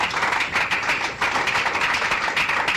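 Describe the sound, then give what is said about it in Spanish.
A crowd at a religious service claps together as applause to the Lord, steady, dense applause that carries at an even volume for a few seconds, with many hands overlapping into a continuous crackling wash and no voices. “Un aplauso al Señor, hermanos.”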